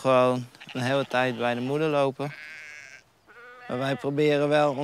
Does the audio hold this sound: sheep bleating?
yes